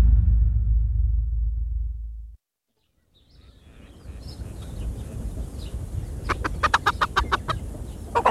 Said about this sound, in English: Here, my chickens. Come, come and feast on your corn. What a sight with you and your feathered brood, Father Damien.